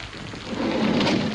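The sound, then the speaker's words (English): Steady rain pours down in a dense, hissing wash, swelling slightly louder midway, with a low rumbling undertone like thunder beneath the downpour. “Raining a bit.”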